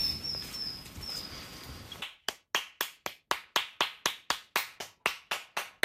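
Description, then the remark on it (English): Steady, sharp hand claps ring out, about fifteen in a quick regular rhythm, made to summon robins on Southeast Island, following a couple of seconds of outdoor ambience with faint birdsong. “We'll just walk along a little bit and we'll try and clap up some robins.”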